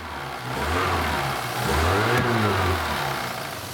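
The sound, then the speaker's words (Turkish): A Volkswagen Golf GTI engine runs steadily and then revs up twice, its low droning pitch rising and falling with each press of the throttle. No one speaks. “Sakıncası yoksa çalıştırabilir misiniz? Biraz gaz verin lütfen. İşte çalışıyor.”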